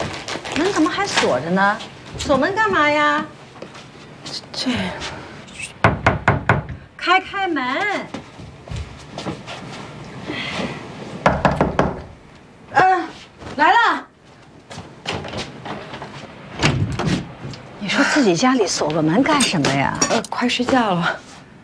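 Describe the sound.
A burst of rapid knocks on a locked door of a home, then another short round a few seconds later, with people talking loudly before, between and after the knocking.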